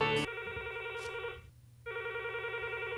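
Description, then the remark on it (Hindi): A telephone rings with a steady electronic trill for an incoming call to a film-music phone-in programme, sounding in two bursts separated by a short silence, clear with no voices. “तो फिल्म संगीत पर आधारित ये कार्यक्रम का सिलसिला हम शुरू करते हैं पहले फ़ोन कॉल के साथ।”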